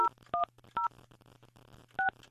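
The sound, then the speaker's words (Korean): Four short, loud telephone keypad tones beep in quick bursts while dialing to call listener number 3286, each a paired dual-pitch note, with a brief pause before the last two, over a faint low background hum. “제 데이터에 지금 안 들어오는 분 같은데 3286번님 전화합니다.”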